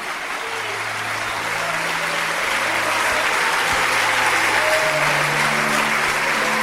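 A church audience applauds the Lord Jesus for each person coming forward, a steady, dense, even wash of clapping that swells slightly midway, with faint low sustained musical tones humming underneath.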